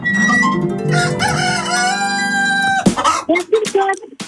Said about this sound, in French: Au poulailler des Pictaves. Le poulailler des Pictaves. Eh ben écoute, on va voir les petites poules.